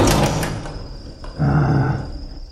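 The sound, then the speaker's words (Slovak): A door is pulled shut with a loud rumbling scrape, a brief pause, then a heavier shuddering slide as it settles closed. No one speaks. “zatvor dvere.”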